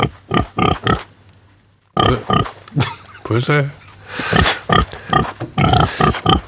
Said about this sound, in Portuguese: Isto diz-vos alguma coisa? Olha, foi som que não ouvi este fim de semana, por acaso. Não ouviste porcos? Não ouvi, não.